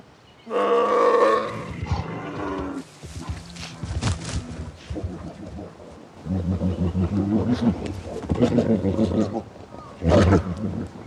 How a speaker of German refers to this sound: Frisch gestärkt kommen bei den Bären Frühlingsgefühle auf. Normalerweise gehen sich die Einzelgänger aus dem Weg. Nun aber treffen Bärenmänner aufeinander als Rivalen.